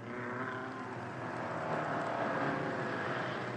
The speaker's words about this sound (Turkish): Sıkı tutun baba. Sonuna kadar gaz veriyorum.